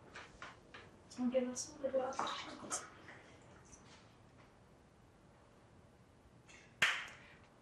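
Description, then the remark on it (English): Water splashes and gurgles as it is poured into a glass for a couple of seconds, followed by quiet murmuring and one sharp clack near the end. “Do you want any water over here? Yeah, water would be great.”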